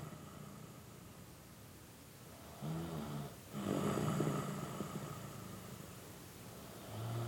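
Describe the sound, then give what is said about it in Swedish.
A man snores in his sleep, slow rasping breaths rising and falling over a low background hiss, with one louder drawn-out snore in the middle and no talking. “… har somnat. Det enda som hörs är hans snarkningar.”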